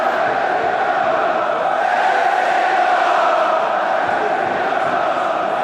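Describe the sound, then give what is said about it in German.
A loud, sustained roar from a packed football stadium crowd at the Betze during a derby match involving Karlsruher SC, a dense wall of chanting and shouting voices that holds steady at full volume throughout without any break. “Es ist so unfassbar laut, dass man sich sicher sein kann, dass die Trainer, so laut sie auch schreien, von keinem ihrer Spieler gehört werden.”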